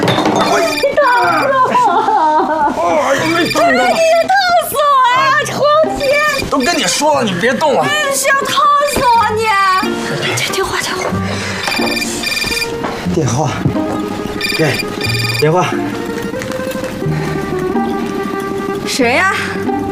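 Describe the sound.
A telephone rings repeatedly while people talk loudly over it; the ringing stays prominent throughout, mixed with the voices.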